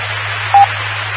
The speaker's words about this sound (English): Got to listen to the courtesy beep and all the computers reset.